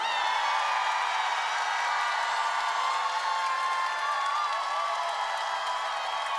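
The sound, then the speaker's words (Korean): A concert audience claps and cheers steadily when asked to by the performer, a dense wash of applause with scattered shouts and whoops holding at an even, loud level throughout, with no one speaking. “박수 치고 함성 지르신 분들 복 많이 받으십시오.”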